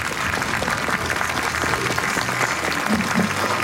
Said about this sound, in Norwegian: Da skal vi få publikum til å gi en skikkelig applaus her.